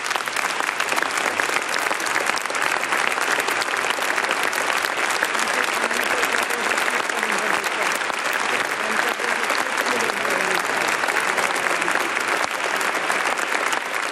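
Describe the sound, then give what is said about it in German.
Sustained audience applause for Bishop Stefan Oster after his sending words, a dense steady wash of many hands clapping at a fairly loud, even level for the whole stretch, with no voices standing out. “Applaus für Bischof Stefan Oster.”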